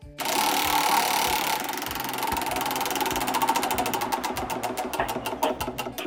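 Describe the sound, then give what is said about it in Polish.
A prize wheel is spun in a game to draw a quiz task. It whirs with a rapid, steady ratchet of clicks that gradually space out and slow as it spins down, loud and continuous with no voices. “Uwaga, ja zaczynam kręcić.”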